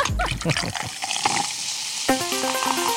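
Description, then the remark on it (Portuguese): A short fizzing hiss of tonic water being opened, settling into bubbling liquid before a bright musical jingle starts over it. “Abre água tônica.”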